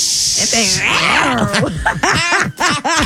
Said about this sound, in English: It's no nice little purrs to it, is there? Yeah, it's an angry little cat right now. Yeah, jungle cat.